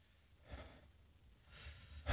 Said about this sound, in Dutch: En de andere slang begint te sissen hier.